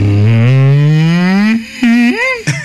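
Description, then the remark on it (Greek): A person on the Sfaira 102.2 morning radio show imitates a depressed cow's moo: a long, low, droning vocal moo that slowly rises, followed by a couple of shorter, sagging moo sounds, fairly loud with no other talk. “Αγελάδα σε κατάθλιψη.”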